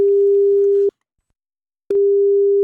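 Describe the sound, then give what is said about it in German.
A steady telephone ringing tone from an outgoing call placed by a radio presenter to a listener: a single clean electronic pitch sounds for about a second, pauses for a second, then starts again, loud and with no voices. “Und er hat dann angerufen.”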